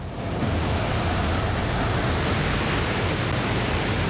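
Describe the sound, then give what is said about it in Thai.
A loud, continuous roar of huge tsunami waves in Japan, about 15 metres high, surging as a boat heads into them, the churning wash holding steady without pause for the whole stretch, with no voices. “หวังว่าจะถึงสันคลื่นก่อนที่มันจะปะทุ มันเหมือนกับภูเขาเลยเราผ่านคลื่น3ลูกที่มาจากทางตะวันออก”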